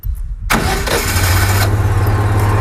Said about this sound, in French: Donc on met les pinces. On met le plus sur le plus. Le plus sur le plus. Le noir sur le moins. Donc là j'allume le contact. Je mets en marche.